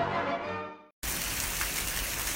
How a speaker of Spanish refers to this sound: Corazón, qué padre sería poder retener un poco de agua de estas lluvias para regar el jardín.